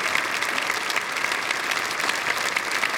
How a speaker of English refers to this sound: Let's give him another clap. Yay!